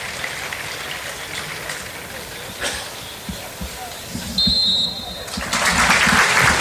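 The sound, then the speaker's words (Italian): A large stadium crowd at the Venezia–Lazio football match applauds steadily in tribute to Sandro Mazzola, a dense roar of clapping that swells louder near the end, with a short sharp whistle blast from referee Sozza cutting through midway. “Il fischio di sozza, lo stadio che si scioglie in un applauso nel ricordo di Sandro Mazzola per una partita, quella tra Venezia e Lazio, importantissima per entrambe le compagini,”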